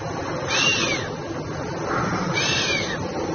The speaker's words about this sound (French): Encore un mammifère, et il fait ça avec le nez. C'est le chamois. C'est le chamois qui souffle comme ça en sifflant. Il joue de la trompette, du casou.